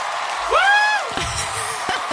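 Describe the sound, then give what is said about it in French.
A concert crowd cheers in a short burst, with one loud, rising whoop standing out above a steady wash of crowd noise before it fades back into the general din. “Pourquoi il y a une foule qui nous entoure?”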